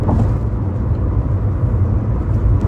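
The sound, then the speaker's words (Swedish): A car drives over the expansion joints of the Öland Bridge (Ölandsbron): a steady, loud, low road rumble fills the whole stretch with no voices, any bumps from the joints blending into the continuous drone. “Det här är ju, jag spelade in när jag åkte över Ölandsbron idag. Det är skarvarna där.”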